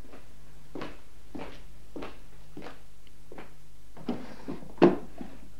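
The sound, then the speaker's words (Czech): Several soft, evenly spaced knocks lead into a louder wooden scrape and clunk as a drawer of a writing desk is pulled open, with no talking over it. “Mohu otevřít zásuvku v psacím stole?”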